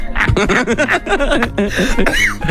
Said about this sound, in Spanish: Si te empiezas a reír y empiezas a toser y no fumas, es porque ya tienes la edad del tío Manolo.